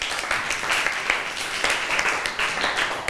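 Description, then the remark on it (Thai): A class of students applauding the fourth group, a dense, steady patter of many overlapping claps with bright, crisp transients, sustained at an even level for about three seconds without any talking. “เก่งมากเลยปรบมือให้กลุ่มที่4หน่อย”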